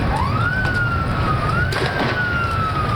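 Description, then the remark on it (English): A police siren wails in a slow rising and falling tone over a constant rumble of crowd and street noise, with a few brief sharp bursts breaking through, as police break up a crowd on Sunday night in Buenos Aires, Argentina, gathered for World Cup celebrations of Lionel Messi's last game. “The sound of police breaking up a crowd Sunday night.”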